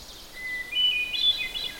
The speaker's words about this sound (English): And the flute-like song is the hermit thrush. Preliminary note, and then a series of flute-like notes afterward.